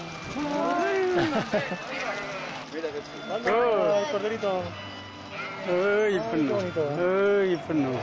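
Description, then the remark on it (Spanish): A flock of sheep being herded by dogs bleats repeatedly and loudly, wavering calls overlapping one after another throughout, with faint human voices mixed in underneath. “¿Qué te ha parecido lo de las ovejas?”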